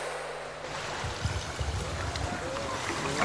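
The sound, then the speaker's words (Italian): Water laps and sloshes steadily against a boat's hull at sea with no wind blowing, with soft low thuds from small waves under a continuous broad wash of sea noise. “Siamo in mare da giorni, non tira un filo di vento. Peccato che su questa barca”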